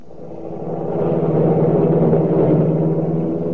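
A car engine runs steadily while driving to the Smythe's home on a Saturday evening, a continuous low hum with a rough rumble that swells slightly at the start and then holds even. No voices.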